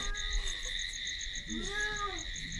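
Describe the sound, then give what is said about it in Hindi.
A single wavering cat meow rises and falls midway through, heard over a steady, shrill chorus of night insects that continues throughout. “अरे ये आवाज कैसी, देखूं तो है? बिल्ली है ये क्या?”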